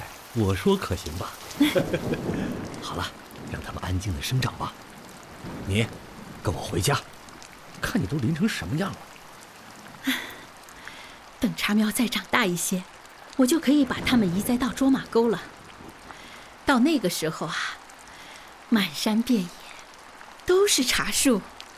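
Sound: rain falling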